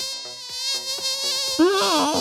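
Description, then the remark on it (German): A mosquito's high, thin buzzing whine hums steadily, then wavers and swoops in pitch toward the end as if flying around. No voices. “Mücken gewöhnen sich an Mückensprays.”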